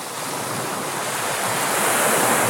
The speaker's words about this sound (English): All this week, we've been listening to waves.